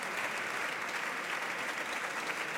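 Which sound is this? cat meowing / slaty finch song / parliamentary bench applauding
parliamentary bench applauding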